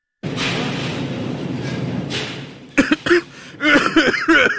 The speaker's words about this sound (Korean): 그리스도를 따르기로 결심하고 몇 달 후 저는 감기에 걸렸고 기침을 심하게 하게 되었죠.